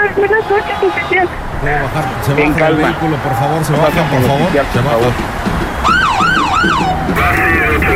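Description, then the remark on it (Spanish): A police patrol car siren wails as the patrol arrives, its rising and falling sweeps growing prominent toward the end, with indistinct voices and background commotion underneath. “Ahí ya llegó la patrulla.”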